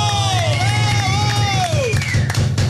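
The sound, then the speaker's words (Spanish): A loud, steady wave of crowd applause and cheering for the staff fills the whole moment, with one high voice whooping in a long rising and falling cry above the clapping. “Y he ahí los del staff, para los que pido un aplauso fuerte.”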